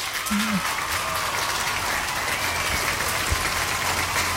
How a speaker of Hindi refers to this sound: बिल्कुल सही जवाब दिया आप लोगों ने, इसलिए आपके लिए यहाँ पे हम स्पेशली बजाएंगे तालियां।